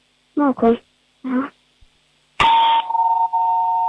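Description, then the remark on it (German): A home doorbell, heard over a mobile phone, rings with a sharp, bright onset that settles into a steady, sustained electronic tone lasting over a second, preceded by two brief vocal sounds. “Und dann hätten wir noch gerne natürlich die Türklingel gehört.”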